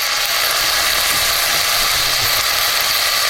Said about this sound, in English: This is supposedly one of the most satisfying food sounds. Sizzling bacon.